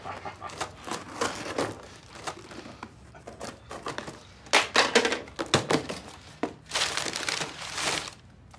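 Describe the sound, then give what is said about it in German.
Irregular crinkling and rustling as a delivered package containing an ordered picture book is cut open with scissors, with sharp tearing bursts and soft thunks as the wrapping is pulled away and handled, no talking. “Haben Sie mal eine Schere da?”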